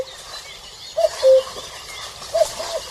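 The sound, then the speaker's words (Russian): A cuckoo sitting on the highest branch in a forest calls twice, each time a clear two-note 'cu-ckoo' with the second note lower, against a quiet, faintly hissy woodland background. “Жила в этом же лесу кукушка. Она только и делала, что сидела на самой высокой ветке и куковала.”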